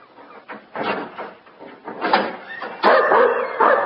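A dog named Rick whimpers and whines from the other side of an iron door in a series of short, strained bursts, rising into louder, higher yelps toward the end, with no voices present.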